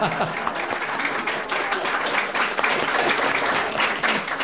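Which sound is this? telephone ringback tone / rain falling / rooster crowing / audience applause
audience applause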